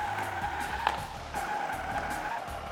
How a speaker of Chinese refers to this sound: 而我呢，将用我手中的遥控器来操纵模型汽车，模拟在地下车库转弯或者是刹车的情况。我们来看看两边的区别究竟在哪里吧。好的，小汽车已经出发，现在是3到5码的速度，我们来一个转弯。